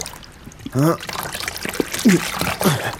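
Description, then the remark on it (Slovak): At sunset, a fisherman hauls his heavy fishing net up out of the water one last time; water trickles and splashes off it steadily while he lets out a few short, strained grunts of effort. “No, ešte raz vyťahnem sieť a poberiem sa domov.”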